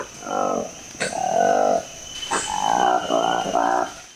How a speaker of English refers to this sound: the sound of a newly discovered species of monkey spotted by researchers who noticed its striking pair of pinkish-orange lips.